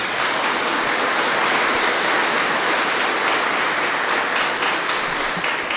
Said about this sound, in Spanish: Sin duda que durante estos días hemos celebrado momentos de fe y gracias a la colaboración y al apoyo de todos ustedes, por eso quiero que se regalen un fuerte aplauso, Dios les pague.